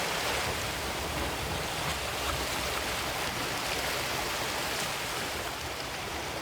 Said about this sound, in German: Im Hintergrund ein bisschen Meeresrauschen für die entspannte Stimmung.